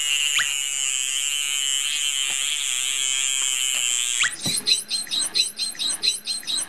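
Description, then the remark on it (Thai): Dolphin whistles from the blowhole: a steady high-pitched tonal whine gives way to a quick run of repeated rising, bird-like chirps, fairly loud, with no talking. “รูจมูกตรงนั้นนะฮะตรงที่มีฟองๆอยู่นะครับนะฮะเป็นเสียงเราจะเห็นได้ว่าเสียงของโลมาเสียงจะเบากว่าจะเล็กกว่าคล้ายๆเสียงนกนะครับแต่ของโลมาพันหัวบาทนะฮะเสียงเขาจะดัง”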